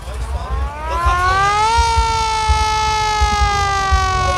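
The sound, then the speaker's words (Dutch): A hand rattle is swung, winding up from a low growl into a loud, steady, siren-like wailing tone, with some low rumbling thumps underneath. “Ratel, die ratel wil ik even horen, hoor. Ja, het is meer een sirene.”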